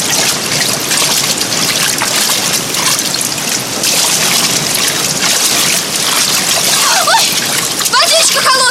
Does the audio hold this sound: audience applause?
no